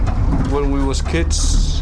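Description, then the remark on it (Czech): Slushy ice from small crumbling ice floes grinds and knocks against the hull of a rocking sightseeing boat in the mouth of the Jakobsen fjord, under a steady low engine-like rumble, with a hissing wash of water and brief muffled voices in the background. “Některé obrovské, tyčí se i 15-20 metrů nad hladinou, ale pak taky menší ledové kry, které se postupně drolí a vytvářejí ledovou tříšť, která štlíchá o spodek lodi.”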